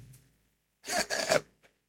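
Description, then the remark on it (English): A single sneeze during a church service, a harsh, breathy burst lasting about half a second with a slight voiced edge, standing alone in near silence, followed by a tiny faint click. “God bless you, my brother.”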